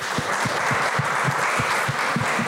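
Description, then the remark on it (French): An audience applauds steadily, a dense wash of many hands clapping at even loudness throughout, with a faint rhythmic pulse underneath and no one speaking. “Allez-y, applaudissez, hein, vous pouvez.”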